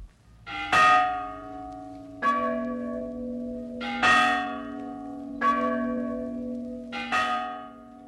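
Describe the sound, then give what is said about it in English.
Church bells rung by ringers inside a steeple ring out in a slow, steady sequence, about five loud strikes roughly a second and a half apart, each leaving a long, humming resonance that overlaps the next. No one speaks. “I know, and as fine a ringer as yourself is welcomed any time. All right, let's begin.”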